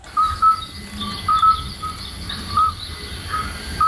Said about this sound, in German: Aber nein, das Geräusch kommt von einem Glöckli Frösch. Oder anders gesagt, von einem Geburtshelferkrott.